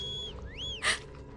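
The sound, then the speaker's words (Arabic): A thin, high whistle sounds twice, first a steady tone, then a quick rising-and-falling swoop, followed by a short breathy burst of noise over a low, murky background. “هذه صفارة.”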